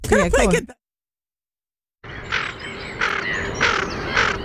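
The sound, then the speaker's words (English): A female tufted duck gives four harsh, raspy croaking calls in an uneven rhythm over faint background noise, after a brief stretch of someone talking and a moment of silence. “Yeah, it's a tufted duck. It's actually a female.”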